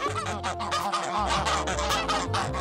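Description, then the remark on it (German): A flock of eight geese, kept next to a farm shop, honking loudly and continuously, overlapping harsh calls tumbling over one another with a steady low hum underneath and no speech. “Sarah hält 8 Gänse und 60 Hühner gleich neben dem Hofladen.”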